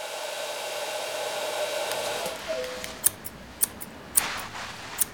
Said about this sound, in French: On est chez le coiffeur. C'est ici que l'on vient pour se faire couper les cheveux et se faire beau. Écoute, tu entends le ronronnement du sèche-cheveux ?